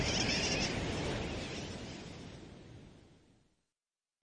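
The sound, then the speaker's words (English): A dense, noisy clamor of many sooty terns calling at once, a continuous colony din that starts loud and slowly fades away over a few seconds, with no voices. “Some say sooty terns derive their nickname wide awake from the kerwacky-whack or wacky-whack of their calls.”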